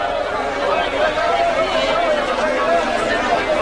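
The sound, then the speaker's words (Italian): Lively crowd chatter fills the outer courtyard of the temple at Passover, many overlapping voices merging into a steady, busy hubbub with no single speaker standing out, holding an even loudness throughout. “Quindi tenevano d'occhio la folla che animava il cortile esterno.”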